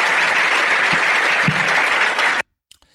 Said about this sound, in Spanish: Y lo aplauden. Y lo aplauden.